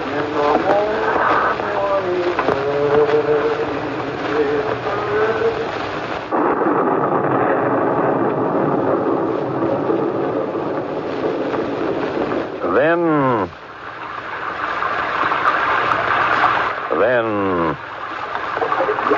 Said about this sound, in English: carrying her in this rain. Let's wait a bit. Maybe it'll stop.